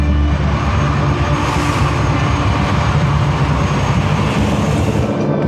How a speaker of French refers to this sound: Les Canadair vont écoper dans la Seine. Donc, la rotation est très rapide hein, entre des passages de Canadair. C'est de l'ordre de 6 à 10 minutes hein, donc, pour aller se ravitailler en eau. Toute la journée, les Canadair survolent la zone.